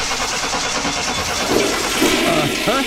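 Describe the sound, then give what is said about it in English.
A car engine is started up for a mechanic checking the car; it turns over and settles into a steady, loud, rushing idle, with a few rising whines near the end and no voices. “Hey, thanks for taking a look at my car so quickly. Okay, start it up.”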